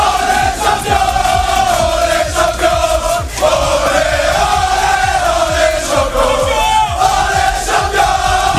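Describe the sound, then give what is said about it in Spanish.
A loud group of men, Luis Enrique's Paris football team, chants and cheers together in a boisterous locker-room celebration after beating Arsenal 4-3 on penalties, voices blending into a sustained, rhythmic, echoing roar with shouts punctuating it. “Así lo celebraban minutos más tarde en el vestuario.”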